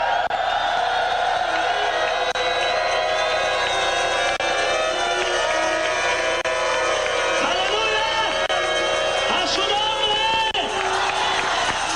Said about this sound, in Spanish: Vamos a ver, pueden dar un grito de júbilo para que me dé más ganas de seguir hablando.